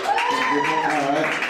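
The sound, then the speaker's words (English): A short burst of audience applause from those who are dating, steady and fairly loud, with a sustained whooping cheer riding over the dense clapping for about a second and a half. “Round of applause.”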